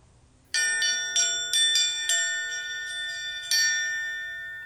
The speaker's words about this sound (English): they asked Boston to please come ring the bell so people could pay their respects